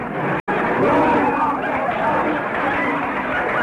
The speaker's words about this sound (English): listen to those people booing. What am I going to do? The audience is leaving for the other supermarket.